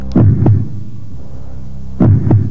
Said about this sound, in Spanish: Un latido. No del corazón, de la memoria.